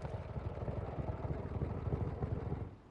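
A motorbike engine rumbles in a steady, throbbing idle, low and pulsing, as the bike pulls up, then drops away abruptly near the end as the bike comes to a stop.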